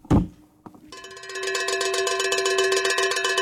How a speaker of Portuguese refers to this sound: Que sino de vaca intrometido, hein? Não é, parece que eu falo. É o chocolate Lolo. Tá chegando aqui a vaquinha do Lolo.